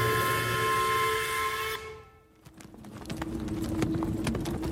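Hooves of several horses clip-clop in a steady, uneven rhythm as they pull a carriage that rumbles along under snow clouds, fading in after a sustained tonal hiss cuts off; no one speaks.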